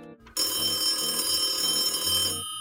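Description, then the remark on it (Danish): A telephone rings loudly for about two seconds on a line from Los Angeles, USA, to São Paulo, Brazil, a sustained electronic ring with bright tonal overtones, heard alone with no voices. “En telefon ringer på en linje fra LA i USA til São Paulo i Brasilien.”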